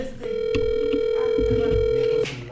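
A single steady electronic ringing tone on a phone line, lasting about two seconds, with faint clunks and background noise underneath and no talking.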